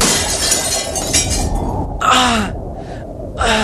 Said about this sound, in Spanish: el viento azotó la contraventana que acababan de abrir, lanzándola contra los cristales de la ventana donde Luis estaba de pie